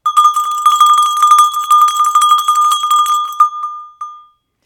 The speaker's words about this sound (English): And okay, I'll preface this by saying this is just a small handbell, and I know really nothing about its origins, but it very well might resemble an early bell that might have been used in the Middle Ages to call people to prayer or services.